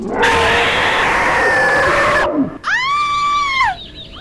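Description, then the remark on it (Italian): The character Rottenmeier, a woman, screams twice with no talking: first a harsh, raspy shriek lasting about two seconds, then after a brief break a shrill, sustained wail that bends at the end. “Hai sentito anche tu urlare la Rottenmeier?”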